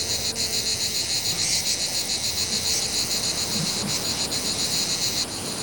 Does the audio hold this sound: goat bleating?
no